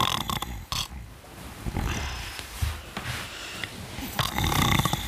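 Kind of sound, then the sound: human body sound, loud snoring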